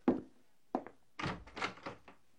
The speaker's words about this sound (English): One evening, as they were eating supper, there was a knock on the door. I'll see who it is.